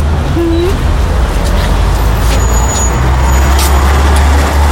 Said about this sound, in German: Oh, gucken Sie mal. Das ist ja ein Bus der Linie 17. Da können wir ja zusammenfahren.